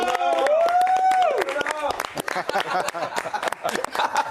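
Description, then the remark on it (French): A small studio audience breaks into steady applause welcoming guest Bernard Mendy onto the show, dense clapping running throughout, with a voice calling out and chatter layered over the opening moments. “Alors, on applaudit quand même.”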